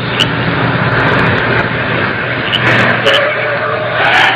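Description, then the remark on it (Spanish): A car engine rumbles steadily, a broad hissing drone with a low hum beneath it, as a car pulls up and stops on another street and idles. No one speaks. “Ahí se paró un auto por la otra calle.”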